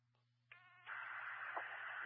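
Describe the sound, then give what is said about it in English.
A brief electronic phone tone sounds over a low hum as a phone call goes unanswered, then gives way to a steady hiss of line static, with no one picking up or speaking. “I tried contacting Kendon by phone. He's not picking up.”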